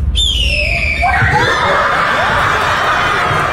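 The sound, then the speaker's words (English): A child imitates a red-tailed hawk with one shrill, raspy scream that slides downward in pitch, then a crowd breaks into loud laughter and cheering that continues to the end. “This is what is actually the red-tailed hawk sound.”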